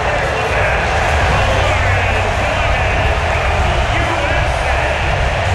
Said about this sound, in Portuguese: Você ouve ao fundo, é aplauso, viu? O aplauso são vários que vêm da arquibancada do SoFi Stadium em Los Angeles, nos Estados Unidos, porque os atletas ficam ali perfilados agradecendo a presença massiva dos torcedores.